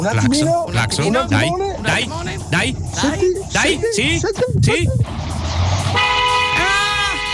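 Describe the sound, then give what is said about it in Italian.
Voices talk over each other, then a car horn blares loudly and steadily near the end, a sustained honk lasting over a second. “Aspetta, Claxon.”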